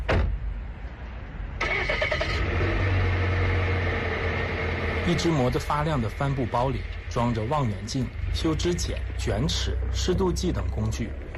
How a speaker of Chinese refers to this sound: 又开车准备去巡护。